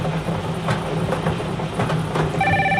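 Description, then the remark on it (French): A telephone begins ringing near the end with a bright electronic tone, cutting through a steady rumbling mechanical background like an engine or train; nobody speaks. “Alors, le téléphone sonne.”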